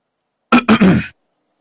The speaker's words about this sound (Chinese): 帕克略带歉意地咳嗽了一声